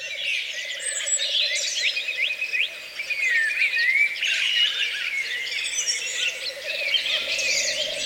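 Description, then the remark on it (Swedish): A dense chorus of wild birdsong fills the night air in Uppland, Sweden, in May, many birds chirping, trilling and whistling at once, with a steady insect-like buzz running underneath throughout. “En hel natt av fågelsång från både Sverige och Finland.”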